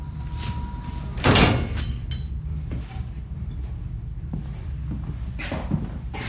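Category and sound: household object, metal door closing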